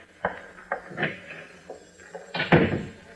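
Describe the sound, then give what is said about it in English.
A powder room door is opened and shut: a few light latch clicks and knocks, then a louder, fuller thud as it closes near the end, with no voices. “There's a phone in the powder room, that door over there.”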